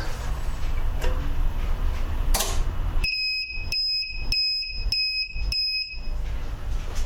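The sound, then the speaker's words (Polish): A UPS power supply, connected to a 200 Ah lithium iron phosphate battery switched on at its breaker and powering a coffee machine, starts up with a quick run of about five high-pitched electronic beeps in a steady rhythm, following a couple of soft clicks over a low background hum. “Zasilacz się nam uruchomił.”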